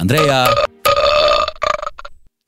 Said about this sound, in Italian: Ci salutiamo su una tempesta di rutti creati con il mio cazzillo di plastica che tengo sempre in mano.